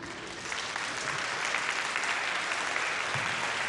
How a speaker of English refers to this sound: I say bravo for Martin. For Martin. Am I the only one clapping?